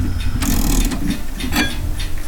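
A key winds a striking clock that chimes every 15 minutes, in a few ratcheting turns, each a burst of dry mechanical clicking and grinding over a steady low hum, with no voices.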